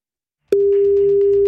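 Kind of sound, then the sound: signal or alarm, telephone ringback tone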